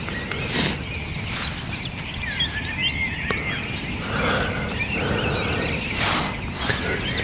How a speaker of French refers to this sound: Sachant que de partout, c'est encore plus impressionnant que le soir, le concert des oiseaux.